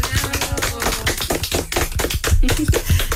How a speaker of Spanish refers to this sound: A todas las mamis les vamos a dar un aplauso.